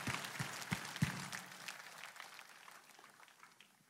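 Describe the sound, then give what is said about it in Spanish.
An audience gives itself a round of applause after repeating thanks to Jesus, a dense wash of many hands clapping that starts loud and gradually thins out and fades over a few seconds, with no voices on top. “Date un aplauso.”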